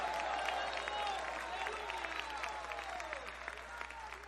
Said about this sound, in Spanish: A él sea la gloria y un fuerte aplauso en esta hora.